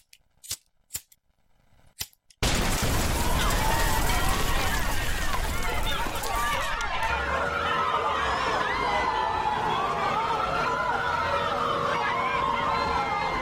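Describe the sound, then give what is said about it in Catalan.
A few sharp clicks, then a sudden loud, steady roar as a Sant Joan bonfire is lit, with a crowd's voices and a rising, falling high tone carrying over the noise. “Doncs veurem com encenem aquesta foguera.”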